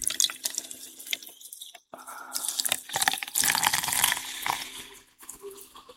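Coca-Cola is poured steadily into a glass holding rum and lime to make a rum and Coke, with a splashy gurgle and faint fizzy crackle running for several seconds, briefly pausing before the pour resumes.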